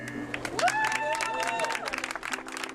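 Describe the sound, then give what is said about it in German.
A crowd applauds steadily with dense, crackling clapping at a trackside ceremony reopening a rail line after its general renovation, on the arrival of a minister's limousine, while a rising tonal whistle or horn-like sweep cuts through the middle and voices murmur underneath. “Großer Bahnhof am Gleisrand. Und Jubelstimmung zum vermeintlichen Ende eines Mammutprojektes.”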